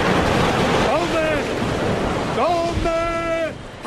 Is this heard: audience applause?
no